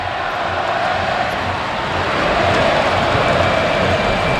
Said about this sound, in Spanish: Árbitro, qué malo eres, canta el Carpena.